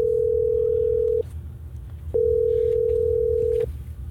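A steady telephone tone sounds in two long bursts separated by a short pause as Hot 104.9 radio in Tallahassee places a call to a listener, clear and fairly loud over a low background rumble, with no one speaking.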